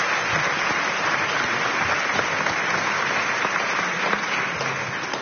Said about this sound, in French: On peut l'applaudir. Allez.